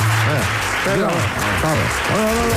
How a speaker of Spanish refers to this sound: Tampoco se entiende el aplauso.